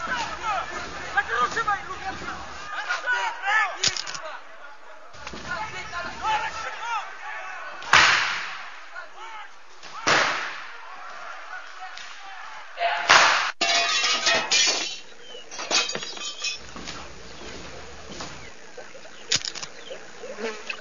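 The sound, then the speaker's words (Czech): A chaotic brawl at a restaurant with several loud, irregular slams and crashing impacts scattered through a steady din of agitated voices and general commotion. “jsme u restaurace, bojíme se jít dovnitř, nějaká strašná rovačka”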